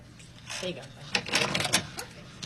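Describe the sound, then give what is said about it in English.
A key card is touched to the electronic door lock of room 411, producing a quick run of sharp mechanical clicks and rattles. A brief muffled voice comes just before. “He takes his key and touches it to the door lock.”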